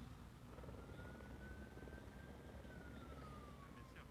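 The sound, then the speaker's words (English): A helicopter airlifting a cow that got stuck in mud on a mountain in a remote region near the border between France and Spain: a steady, loud rotor roar with a rapid low chopping, and a thin whining tone that rises and slowly falls over it. No one speaks. “The bovine was airlifted by helicopter after getting stuck in the mud on a mountain in a very remote region near the border between France and Spain.”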